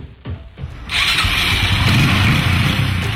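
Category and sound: vehicle, motorcycle engine starting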